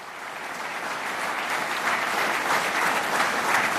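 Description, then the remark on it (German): Sustained applause from a concert audience for the Basler Madrigalisten and the Triades-Konsort at the end of their concert: a dense, steady patter of many hands clapping that swells slightly louder after the first second and holds without any voices. “Applaus für die Basler Madrigalisten und das Triades-Konsort zum Ende ihres Konzerts.”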